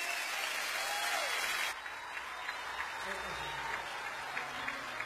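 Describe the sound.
A crowd applauds in a dense, steady wash of clapping that is fuller for the first couple of seconds and then eases slightly, with faint voices underneath.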